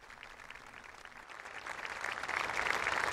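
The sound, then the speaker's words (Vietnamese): A crowd applauds the words of the Pope with dense, steady clapping that grows gradually louder over a few seconds, with no voices heard over it. “Những tiếng vỗ tay hoan hô những lời của Đức Thánh Cha.”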